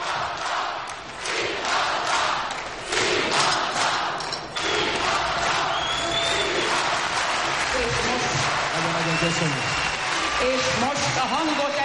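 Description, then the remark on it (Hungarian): A large arena crowd roars and cheers continuously, a dense wall of yelling and applause that swells and stays loud throughout, with voices shouting within the din. “Tessék csak figyelni, hogy hogy zúg az aréna, zúg, üvölt a közönség.”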